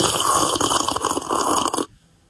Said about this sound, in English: Yep, I'm pretty sure Ballarat was filled with plenty of slurping sounds when the 2026 Hot Chocolate Showdown was on.